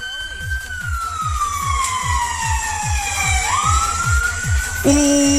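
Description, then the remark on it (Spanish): A police patrol car siren wails in a long falling tone over a steady, rhythmic engine thump, then switches abruptly to a higher, harsher tone near the end, loud. “Mira, el carabinero que iba colgando de la puerta un auto. Y atrás fue una patrulla y atrás un furgón.”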